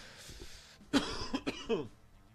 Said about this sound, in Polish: Kaszel od ruskich fajek.